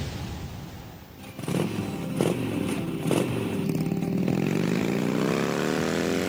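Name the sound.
motorcycle riding past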